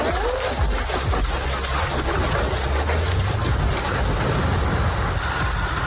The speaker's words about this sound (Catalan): Així sonaven algunes de les pedregades que van caure en algun punt del país, amb pedra de la mida d'una pilota de tenis taula, fins i tot, és a dir, que notablement grosses, les pedres que van caure en algun moment.